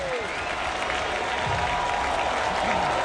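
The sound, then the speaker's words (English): A large baseball stadium crowd roars and claps continuously, cheering for Garcia on a dreary autumn night after a rain delay, a dense, steady wash of cheering and applause at a fairly loud, sustained level. “Here comes the crowd. They're behind Garcia.”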